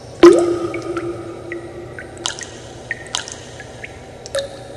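Water drips in a slow, uneven series of distinct plinks, the first drop loudest, followed by several softer echoing drops, with no voices.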